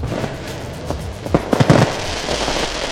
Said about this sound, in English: Wait a minute. Where's my fireworks? There we go.